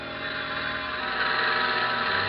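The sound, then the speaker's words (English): A small airplane coming in to land: its engine drones steadily, a dense, buzzing hum with low harmonic throb that swells slightly louder over a couple of seconds, with no voices. “Then I heard it. Marion's plane. And then I saw her coming into land.”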